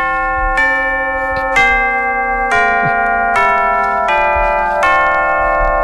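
Tubular bells ring out in a slow sequence of about seven struck notes, each chime sustaining and overlapping the next, loud with no voices.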